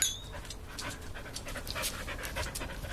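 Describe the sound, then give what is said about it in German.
A dog that has been taught to dance pants quickly and steadily, a run of short breathy huffs in an even rhythm for a few seconds over a low background rumble, with no one talking. “Wie haben Sie eigentlich diesem Hund das Tanzen beigebracht?”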